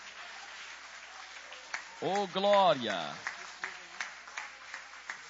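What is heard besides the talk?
audience applauding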